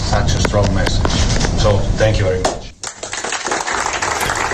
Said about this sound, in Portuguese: Estes aplausos que ouvimos são dos jogadores do Irão para o presidente da FIFA depois da seleção iraniana empatar 2-2 com a Nova Zelândia.